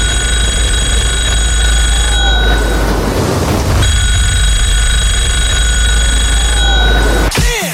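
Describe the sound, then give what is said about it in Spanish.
A telephone rings loudly and steadily, its bright, bell-like electronic tone sounding almost continuously over a low background rumble, with no one talking. “Sí, el teléfono ese.”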